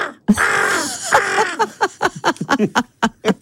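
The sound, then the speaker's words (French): A person imitates a crow, starting with a long, harsh, drawn-out caw and then breaking into a quick series of short, choppy vocal bursts, fairly loud. “Ah non, mais tu fais très bien le corbeau.”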